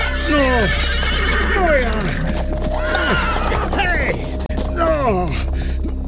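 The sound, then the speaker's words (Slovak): Several horses whinny loudly in repeated descending neighs, overlapping one another, with a steady clatter of hooves underneath as the frightened horses run away, afraid to go further. “Kone utekajú. Boja sa ísť ďalej.”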